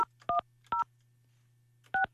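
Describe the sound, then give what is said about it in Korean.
A phone number being dialed to call listener number 3286: three short, bright dual-tone beeps, the first two quickly spaced and the third after a pause, over a steady low hum with no talking. “자, 이분 전화 한번 해보겠습니다.”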